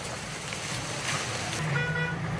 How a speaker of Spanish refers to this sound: Dirán ustedes, ¿qué es? ¿Es lluvia? No, es fuego, son llamas. 3 de agosto de 2006.